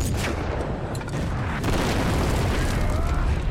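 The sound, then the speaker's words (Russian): A tank's return shot explodes right in front of a trench parapet, roaring in a dense, sustained burst of low rumble, with blast noise filling the whole clip and no distinct separate impacts. No one speaks. “Ответный выстрел ложится прямо перед бруствером.”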